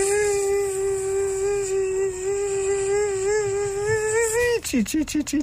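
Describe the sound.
A voice imitates a buzzing native mosquito of Croatia with a steady, nasal, high-pitched hum held for several seconds, wavering slightly, then breaking into a few quick falling squeaks at the end.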